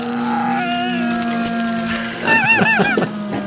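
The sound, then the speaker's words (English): A steady, droning hum runs throughout, and near the end a quick series of four or five high, rising-and-falling squeals from pigs breaks in over it. “Because at the end, there's a couple of pigs.”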